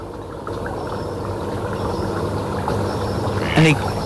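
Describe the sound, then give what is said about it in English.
A male mallard at a lagoon gives one short, raspy, low call near the end, rising briefly over a steady background of rumbling, watery noise. “We won't call it part of the dawn chorus, but that was a mallard. The mallard. A male.”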